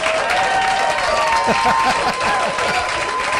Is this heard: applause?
yes